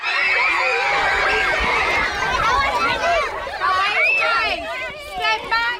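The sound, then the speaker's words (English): A crowd of schoolchildren at a school in London shrieking and squealing as teachers spray them with water on a roasting hot day, their overlapping high-pitched cries and excited shouts loud and continuous throughout. “Let's hear some of it, starting with a school in London where teachers sprayed pupils with water.”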